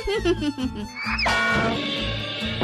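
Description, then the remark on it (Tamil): A frog croaks several times in quick, rhythmic succession, then a louder, rising, buzzy sound swells and carries on to the end. “ஐயோ, தவளையை அடிக்கிறேன் என்று என் மண்டையை அடித்து உடைத்து விடாதீர் மந்திரியாரே.”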